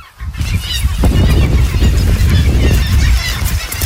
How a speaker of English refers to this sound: When you first get there, you really hear it. Birds everywhere. And it's just deafening sound of hundreds and thousands of birds.